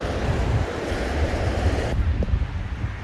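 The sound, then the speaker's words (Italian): Sea waves wash steadily onto a beach at the remains of a seaside village in Batticaloa, Sri Lanka, while gusty wind buffets the microphone, a dense, continuous roar with no voices, easing slightly in brightness toward the end. “A Batticaloa, su quello che resta di un villaggio in riva al mare, troviamo alcuni uomini al lavoro.”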